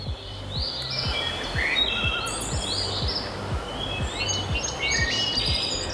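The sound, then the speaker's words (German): Several birds sing and chirp continuously in overlapping high calls, clear, over a soft, regular low pulse, along a hiking trail through tree-covered dunes; no voices are present. “Lass dir Zeit, pack das Handy in die Tasche und hör mal, Vögel und sonst nichts.”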